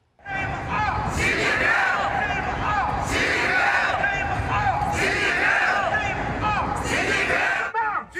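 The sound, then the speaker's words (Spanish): A crowd of protesters in front of the White House in Washington shouts against Chinese president Xi Jinping during a US-China summit, overlapping voices chanting and yelling in loud, surging waves with rising and falling cries, a steady dense roar of many people throughout. “Frente a la Casa Blanca, los manifestantes expresaron su rechazo al presidente chino Xi Jinping con gritos, pancartas y carteles.”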